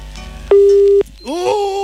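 A loud, steady telephone line tone sounds once for about half a second after a call cuts off, then stops abruptly; a voice starts talking shortly afterward.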